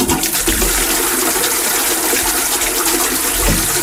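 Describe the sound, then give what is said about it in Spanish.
A toilet cistern flushes, a steady loud rush of water gushing continuously for a few seconds with no voices over it. “Este cada lo hemos reconocido, esto es una cisterna.”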